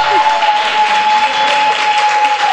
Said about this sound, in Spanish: Ganaron los varones. Se ganaron un premio, muchachos. Y el premio, ¡un aplauso para ellos!